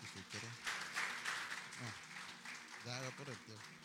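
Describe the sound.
An audience applauds steadily for about four seconds, a dense, even wash of clapping with scattered voices calling out and cheering over it.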